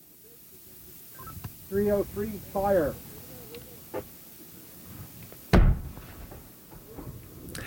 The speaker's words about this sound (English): Every radio show should start this way. That is the firing of the noonday gun on Signal Hill, though today it's actually the 5 after noonday gun, and it marks the beginning of our episode of The Signal here on CBC Radio 1 and on your CBC Listen app.